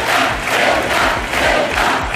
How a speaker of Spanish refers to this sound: Entre los asistentes, gritos a favor de Ceuta y en contra del gobierno.